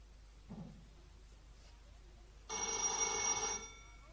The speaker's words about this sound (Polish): Telefon! Uh-huh. Pewno z pralni.